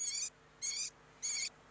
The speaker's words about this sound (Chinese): 这是山林中采录的画眉鸟的求偶声，这是城市中圈养的画眉鸟的求偶声。